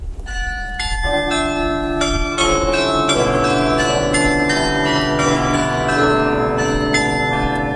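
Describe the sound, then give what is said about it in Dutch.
The carillon of the Lange Jan tower plays a melody of overlapping bell tones, bright strikes ringing out one after another with long resonant decays blending into a rich, steady wash of pitched chimes. No one speaks. “Wat is er zo mooi aan dit carillon, Gerard?”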